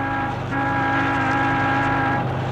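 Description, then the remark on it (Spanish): A speeding taxi's car horn blares in one long, loud sustained blast over a steady low rumble of engine and traffic noise on city streets, cutting off shortly before the end. “El conductor hace sonar la bocina incesantemente.”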